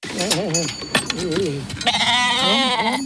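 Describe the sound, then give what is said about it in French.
Several sheep bleat in a pasture at Sonsbeau during a working day with the sheep, in overlapping, wavering cries that run almost continuously, one call rising over another, with a brief higher-pitched bleat near the end. “À l'occasion d'une journée de travail avec des moutons dans un pâturage à Sonsbeau, nous sommes allés à sa rencontre.”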